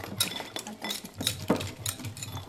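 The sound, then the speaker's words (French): A whisk scrapes and taps around a bowl in quick, uneven strokes, moderately loud, with light metallic clinks as melted chocolate is stirred to make a brownie. No one speaks. “Là, je suis en train de mélanger le chocolat.”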